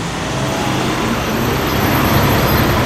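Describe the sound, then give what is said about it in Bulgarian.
Steady city street traffic at a pedestrian crossing in the centre of Veliko Tarnovo, a continuous broad rumble of passing vehicles and engine noise that holds at an even, fairly loud level throughout, with no voices. “Здравейте, намираме се в центъра на Велико Търново, където вчера около обяд на тази пешеходна пътека става тежкият инцидент”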